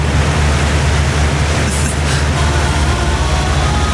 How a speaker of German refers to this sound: Geräusch des Tages vermutlich das hier. Der Ventilator. Wenn man den dann volle Bulle aufmacht, dann klingen diese Teile ja so.